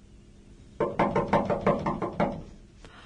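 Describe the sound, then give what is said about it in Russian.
A rapid series of about eight firm knocks on a door, fairly loud, delivered in a quick steady rhythm, then quiet room tone with a faint last tap. “Я посмотрю, кто-то стучит.”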